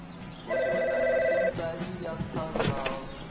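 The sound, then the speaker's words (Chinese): A landline telephone rings once in a loud, steady electronic trill lasting about a second, followed by indistinct voices and room noise. “要不咱把电话线拔了。”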